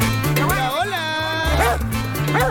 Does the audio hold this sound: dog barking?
yes